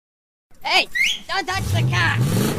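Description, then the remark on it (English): A car engine revs, its low growl rising and falling after a few quick higher-pitched bursts, running loud and steady through to the end. “Hey, don't touch the car.”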